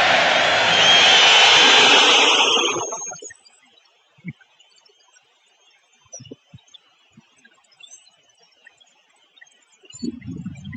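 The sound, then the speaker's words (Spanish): Atlético de Madrid fans in a stadium boo and whistle at player Julián Álvarez as the official stadium announcer calls his name: a loud, dense roar with shrill whistles riding on top, lasting about three seconds before cutting off to near silence with a few faint knocks. “Aquí está el abucheo de la afición del colchonero.”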